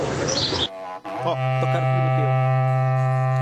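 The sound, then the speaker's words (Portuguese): A berrante cattle horn blares a loud, sustained low note rich in harmonics, held steadily for a few seconds after a short burst of crowd noise; played in Nerópolis, Goiás. “Queria pedir para tocar o Berrante.”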